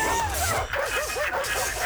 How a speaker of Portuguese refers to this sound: Sai pra fora, cachorro!